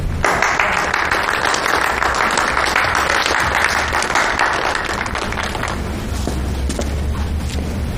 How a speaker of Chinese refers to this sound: 诸位，给大家介绍一下，顾大队长今天第一天上任，大家鼓掌欢迎。